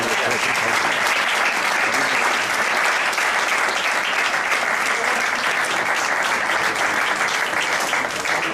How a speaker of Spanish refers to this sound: Este es un aplauso especial por eso.